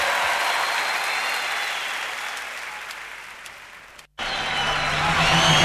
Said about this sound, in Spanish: ¡Fuerte aplauso, por favor!